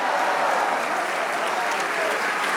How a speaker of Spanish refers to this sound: Si ese aplauso es para el Dios que nos amó desde hace mucho tiempo.